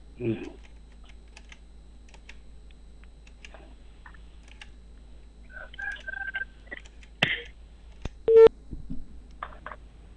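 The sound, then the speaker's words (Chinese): A phone call being dialed during a live Inner Mongolia Radio and Television broadcast to a township party secretary in Baiyintaohai Sumu, Ongniud Banner: scattered soft keypad clicks, then a short, steady electronic ringback tone starting. Fairly quiet, with no one speaking. “电话已经拨出，我们共同耐心等待。”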